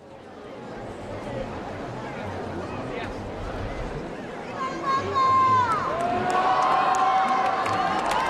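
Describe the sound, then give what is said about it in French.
A large crowd of faithful applauds and cheers as the pope comes out on a balcony at the monastery of Montserrat, a steady roar of clapping and voices that swells louder midway, with shrill whistles and shouts rising above it toward the end. “Et voici le pape qui sort au balcon à Montserrat sous les applaudissements des fidèles.”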